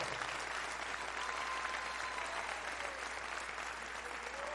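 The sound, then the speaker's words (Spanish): A crowd claps steadily and continuously as thanks to God for the work of salvation, a dense, even wash of applause that holds at a constant level throughout with no pauses and no voices standing out. “Dele un fuerte aplauso y gratitud entonces.”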